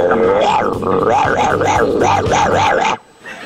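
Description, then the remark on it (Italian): A dog barks loudly in a quick, steady run of about a dozen yelping barks over a low hum, then stops abruptly into near silence. “dal vivo con i cani. Abbaia!”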